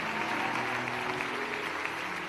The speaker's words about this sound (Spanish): Levante ese aplauso fuerte para bendecir al hombre de Dios. Aleluya. Levante ese aplauso fuerte a Cristo. A Él sea la gloria, sea la honra, toda la adoración.